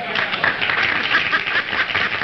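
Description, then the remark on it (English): A crowd claps steadily for a couple of seconds, a dense, even patter of many hands with no pause in the rhythm. “That's a good applause, because I didn't get it on that way the first time, did I?”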